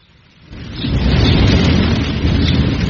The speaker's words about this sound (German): Ein schweres Unwetter war das. Ja, und am schlimmsten war der Sturm. Richtig. Manchmal hatte ich Angst, dass uns das ganze Dach wegfällt.